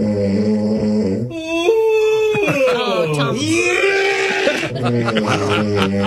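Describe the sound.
Loud, voiced snoring mixed with a yawn and an imitation of vomiting, sounding almost like groaning or bleating, with strong droning tones whose pitch wavers and slides up and down over several seconds, overlapping into a harsh, continuous racket.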